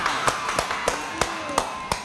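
About seven sharp hand claps at a steady, unhurried pace, close and moderately loud, with a faint continuous tonal background underneath and no talking.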